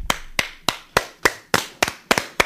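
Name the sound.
applause clapping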